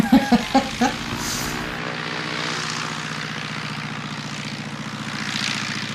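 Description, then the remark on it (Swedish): A small privately owned two-seat propeller airplane drones steadily, its engine hum even and moderately loud, following a few brief clattering knocks at the very start. “No, det är ju två personers flygplan.”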